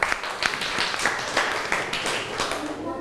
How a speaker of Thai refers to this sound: เราไปดูขนมหวานจานต่อไปกันครับขอเสียงปรบมือให้ขนมหวานจานต่อไปหน่อย